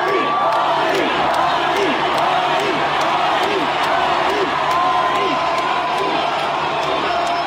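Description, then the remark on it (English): A huge crowd of about 100,000 fans at a concert in Michigan chants a performer's name in unison, a repeated rhythmic two-beat call rising over a dense, steady roar of voices and whistles that stays loud throughout. “100,000 fans chanting his name.”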